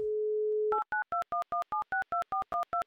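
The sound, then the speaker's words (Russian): A steady telephone dial tone hums for under a second, then gives way to a quick run of about eleven short, evenly spaced two-note keypad beeps as a number in Murmansk is dialed; the call does not connect. No voices. “И вот так сразу гудки говорят, что соединение с Александром у нас не произошло.”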